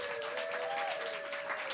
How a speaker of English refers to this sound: Another round of applause for all of the readers.